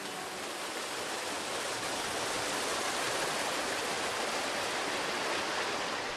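Water of the Hwaam mineral spring in Korea flows and splashes in a steady, continuous rush, a bright hiss that stays loud and even from start to finish, with no voices.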